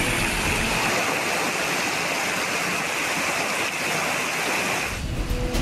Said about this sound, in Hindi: जबकि दूसरी तस्वीर असम के नॉर्थ लखीमपुर की है, जहां बीते 8 घंटों से बारिश का सिलसिला थमा ही नहीं।